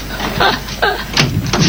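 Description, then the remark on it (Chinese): A locked door in a home is rattled and worked open, with four sharp clattering bursts of the handle and latch at a steady, uneven rhythm against a low hum. “门怎么还锁着呢？锁门干嘛呀？ 这， 开开门。”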